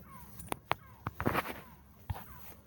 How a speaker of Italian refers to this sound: Senti i gabbiani, dai, andiamo. Non è un buon segno, forza.